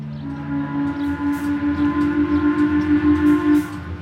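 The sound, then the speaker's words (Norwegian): A steamship's funnel horn blasts loudly at ten o'clock in one long, steady, deep tone lasting over three seconds, with a low rumbling churn beneath it, before cutting off abruptly. “Klokken 10 støter skorsteinen på dampskipet høylytt.”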